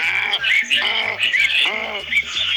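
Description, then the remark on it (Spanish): A caller in a program's animal imitation contest imitates a donkey's bray, a loud, strained voice swinging back and forth between low groaning tones and higher wheezy ones in several quick hee-haw cycles. “¡Un burro!”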